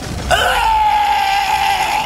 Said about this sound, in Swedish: Rasputin skrek högt och började smälta.